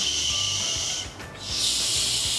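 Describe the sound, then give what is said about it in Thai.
Someone pushes air out between their teeth in a steady, bright hiss, held for about a second, briefly easing off, then hissing strongly again. No talking. “แล้วก็ปล่อยลมออกมาตามร่องฟันของเราอะนึกง่ายๆแบบนี้ค่ะ”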